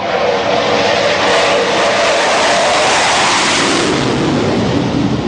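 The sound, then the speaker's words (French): A steady, loud jet engine roar fills the whole stretch, a broad rumbling hiss that swells slightly and shifts in tone as Rafale fighter jets pass overhead, circling the aircraft carrier Charles de Gaulle on return from mission Mars Strike and preparing to land on deck, with no voices. “Ils orbitent autour du porte-avions et donc ils se configurent petit à petit pour se préparer à l'appontage.”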